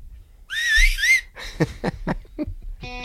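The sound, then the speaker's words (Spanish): A clear whistle slides up and down for about a second, opening a song, which then starts with a series of punchy, rhythmic vocal or instrumental hits. “ha descubierto una alternativa. A ver. El silbido.”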